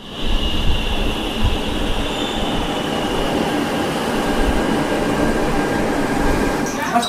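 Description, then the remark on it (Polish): A metro train rumbles steadily along the tracks, with a continuous low roar and a thin high-pitched squeal from the wheels running throughout, fairly loud. “W tym mieście ludzie kochają się śmiać, rozmawiać ze sobą, jedzą na zewnątrz, przemieszczają się także metrem.”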